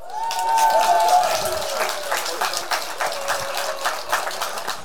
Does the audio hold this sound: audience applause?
yes